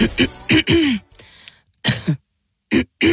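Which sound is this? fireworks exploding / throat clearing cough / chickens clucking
throat clearing cough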